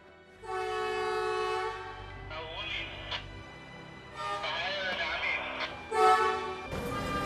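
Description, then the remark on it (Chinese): A large, domestically made rail-replacement vehicle on the Yingxia Railway track sounds a series of loud, sustained, horn-like tones that waver in pitch, with a short low rumble near the end. Workers are operating it to move old rails out and set new rails in place. “工作人员按照标准流程操控国产大型换轨车，将旧轨移出，新轨入槽。”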